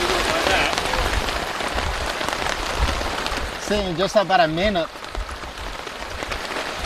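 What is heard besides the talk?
rain falling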